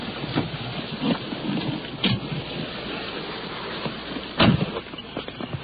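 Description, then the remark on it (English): A dense, steady wash of heavy rain pours down hard over a parking lot, with occasional louder splashes and knocks breaking through the constant hiss. No one speaks. “Rain is coming down now. It's beating down pretty hard as we're crossing this parking lot and heading toward a house, stepping over mud puddles under a tree.”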